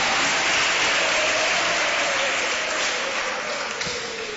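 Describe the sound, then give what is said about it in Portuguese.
A crowd claps steadily to give glory to God, a dense, continuous wash of applause holding a fairly even loudness for several seconds before easing slightly toward the end. “Isso, aplaudindo a Ele, dando glória a Deus.”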